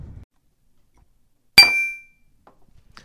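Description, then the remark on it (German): A single bright clink of glasses touching in a toast, clear, with a short ringing tone that fades within half a second amid otherwise quiet surroundings. “Prost.”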